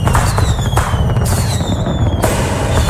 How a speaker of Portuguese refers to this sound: Esse é o Luiz Antônio Castelan, o popular Tchê Cavalo, lá de Siderópolis, recebendo os fogos aqui.